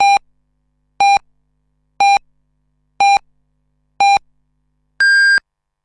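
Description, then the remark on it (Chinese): A radio hourly time signal on Shandong radio marking 10 o'clock Beijing time: five short, evenly spaced beeps about a second apart, then a final longer, higher-pitched tone marking the hour. Clear and loud, with no voices. “北京时间10点整”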